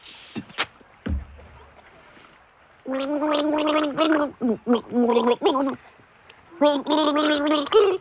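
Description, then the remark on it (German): A person gargles water in a wavering, melodic way as if humming a tune, gargling songs for a listener to guess, in several bursts with short pauses, preceded by a couple of clicks and a thump. “Jetzt geht's ans Gurgeln, an meine Gurgeln. Ich werde dir jetzt 3 Lieder vorgurgeln und du musst sie erraten, okay?”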